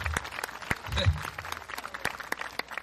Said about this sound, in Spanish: Alabe a Dios si puede. Un aplauso al Señor en esta hora. Aleluya.